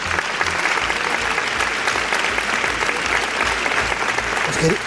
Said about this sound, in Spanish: No sé si le habéis dado un aplauso, que se lo merece.